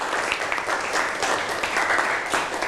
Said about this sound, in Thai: นั่งเลยนะครับปรบมือให้กับเพื่อน